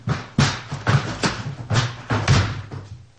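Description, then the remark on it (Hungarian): Heavy repeated thuds and bangs as a locked door is broken in, about six forceful impacts in quick irregular succession, loud. “Ehhez az ajtó senkinek sincs. Egyedül csak a gazdámnak. Hát várnivalónk pedig nincs. Betörjük.”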